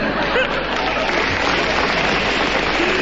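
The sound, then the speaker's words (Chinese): Sustained audience applause, a dense, even wash of many hands clapping at steady loudness throughout, with no voices standing out. “你从大家的掌声，你难道悟不出点什么东西来？”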